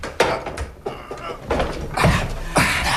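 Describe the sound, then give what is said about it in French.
A heavy door, a large panel, is shoved open, with a few knocks and thuds over a rough, scraping grind that swells and fades over several seconds. “Et voilà l'autre porte. C'est un grand panneau. Pousse-le!”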